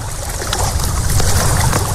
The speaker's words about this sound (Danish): Af noget vand og træ, der brænder. Sammen med en masse andre dejlige, sommerglade mennesker.